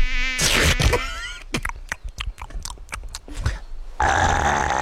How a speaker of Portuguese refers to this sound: Ai, mais uma mosca, mais uma mosca.